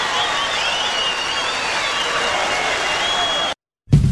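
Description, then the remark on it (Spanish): A crowd applauds steadily for several seconds for the Chiquicanto de Mataderos choir, with cheering voices mixed into the dense clapping, then the sound cuts out abruptly before a brief loud burst at the end. “Un aplauso grande para el coro Chiquicanto de Mataderos.”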